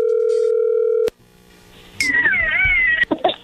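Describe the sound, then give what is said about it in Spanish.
A loud, steady telephone dial tone of an outgoing call hums for about a second and cuts off abruptly, followed by a brief lull and then a wavering, meow-like squeal with a few clicks. “Bueno, a ver, ahí entra la llamada. Le va a llamar el lobo.”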